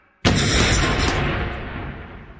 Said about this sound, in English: Just as the van started moving, there was an explosion.